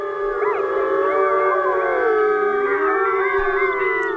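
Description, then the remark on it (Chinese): A wolf pack howling together, many overlapping voices rising and falling in long sustained wails, loud and continuous with no talking. “有人认为这此起彼伏的狼嚎其实是为了造势，让对手无法判断狼群成员的数量。”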